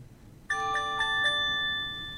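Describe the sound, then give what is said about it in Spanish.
A high-pitched, piercing electronic earthquake alert sounds suddenly from a phone during a demonstration, with quick repeated tonal pulses about four times in a row before holding a steady ringing tone that slowly fades. No one speaks. “Nunca lo escuchamos este ruido en ningún teléfono. Es parecido a una alarma igual. Pero fíjate que es agudo, sí. es penetrante.”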